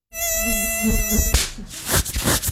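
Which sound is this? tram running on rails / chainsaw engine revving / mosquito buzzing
mosquito buzzing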